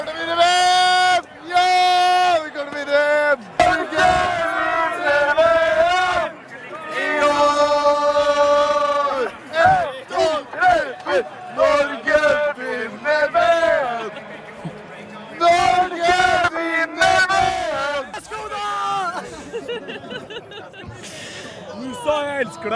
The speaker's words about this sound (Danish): Ja, men altså, det fortsatte jo hele natten, det her ekstase. Dejlig norsk jubel. De mener allerede, at de har vundet VM.